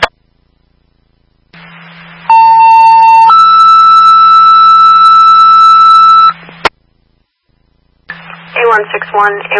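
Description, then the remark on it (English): Fire dispatch alert tones blare over a hissing radio channel: a steady lower tone for about a second, then a longer higher tone held for several seconds, followed by a voice dispatching mutual aid to the town of Wilbraham for a dirt bike accident with a fractured leg. “Stand by for the tones.”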